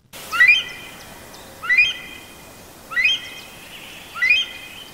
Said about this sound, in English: And new research suggests that Nepal's national bird, the rare Himalayan monal, is changing its call to cope with a sharp increase in human activity.